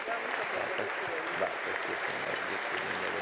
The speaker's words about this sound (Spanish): Le damos muchos aplausos